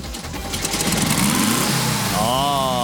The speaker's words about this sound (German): Jawohl, wie ein Kätzchen schnurrt er. Ein Volkswagen Kamanchira, ein ganz besonderes Stückerl in einem wunderschönen Hellblau.